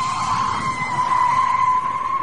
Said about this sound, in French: Petit grincement de pneu d'une voiture, écoutez bien.